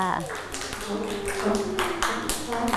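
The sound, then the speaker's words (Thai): A handful of scattered, irregular hand claps from several children, clapping for a classmate at a teacher's request during a class activity, mixed with voices and a faint tonal background throughout. “เก่งมากค่ะเด็กๆปรบมือให้”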